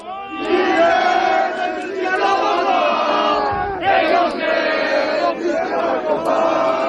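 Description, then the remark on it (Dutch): A large crowd of protesting secondary school students in Grenoble, France, sings the French national anthem together in loud, ragged unison, the melody rising and falling with shouted, cheering edges throughout. “Ja, dit zijn scholieren die het Franse volkslied zingen in Grenoble.”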